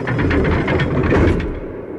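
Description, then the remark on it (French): A dense, dry metallic clatter of a city gate's portcullis coming down, rapid rattling clanks layered over a low mechanical rumble, loud and steady for about two seconds before the sharper top end fades. “Devant elle, la herse, le pont-levis, et dans un cliquetis sec, métallique, impitoyable, la ville se referme.”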